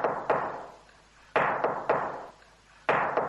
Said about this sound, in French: Ma maman cogne à la porte.